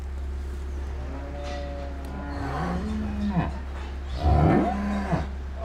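Several cows moo in a barn in Lower Saxony, Germany, during calving season, with two cows having calved that morning; low, drawn-out calls, some overlapping, over a steady low hum; a louder, rougher moo rises near the end.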